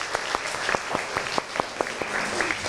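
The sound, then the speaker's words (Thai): A classroom group clapping for student group 6, a steady, dense patter of hand claps with sharper individual claps standing out at a fairly regular rhythm, moderately loud with no talking. “ปรบมือให้กลุ่ม6ก่อน”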